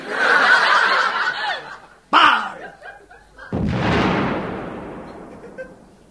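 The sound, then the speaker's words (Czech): Snickering, chuckling voices give way to a sharp crack, then a single loud cannon boom that rolls out into a long, fading rumble. “Dělo připravit! Dělo připravené! Dělo namieriť! Dělo namierené!”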